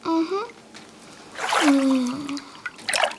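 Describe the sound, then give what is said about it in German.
Pony sinks up to the chin into a warm cold-relief bath: short watery splashes and sloshing, mixed with a few squeaky, gliding tones, fairly loud throughout. “Bis zum Kinn taucht Pony im warmen Erkältungsbad unter.”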